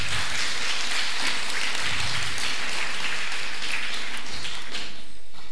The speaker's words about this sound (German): Applaus